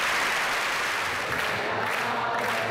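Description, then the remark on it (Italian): A theatre audience gives a sustained ovation for the head of state at a celebration, dense steady clapping filling the hall at an even loudness, with a faint murmur of voices mixed into the applause. “la celebrazione alla presenza del capo dello Stato, per lui ovazioni, applausi e anche un bella ciao intonata da tutto il teatro.”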